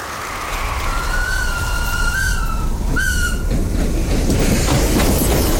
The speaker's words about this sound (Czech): Novembra na stanicu v Kompeje prichádza špeciálny vlak maršála Focha.